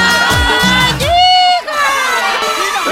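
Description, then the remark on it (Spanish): A loud, lively crowd cheers and claps continuously, with excited shouts and a high whoop rising above the din partway through, filling the whole stretch without pause. “Y las palmas arriba, arriba, como suena.”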